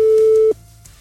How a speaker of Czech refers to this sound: Tak, telefon zvoní, není obsazeno, ani vypnuto, což je dobrý krok na začátek. Ještě aby to někdo taky zvedl, že jo?